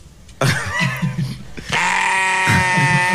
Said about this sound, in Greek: Πώς όμως είναι το βογγητό του λευκού προβάτου?